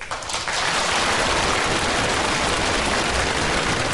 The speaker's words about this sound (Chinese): 两个演员往台上一站， 嗯， 说到可乐的地方，各位该鼓掌的地方，我们不用多说话，立马掌声四起。